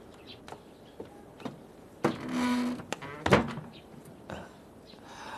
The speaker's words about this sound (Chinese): 关门。